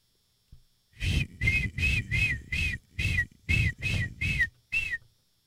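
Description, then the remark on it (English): A person vocally imitates a seagull, letting out about ten loud, shrill, nasal squawks in a quick, steady series, with short gaps between them and no talking. “And I can do a good seagull impression.”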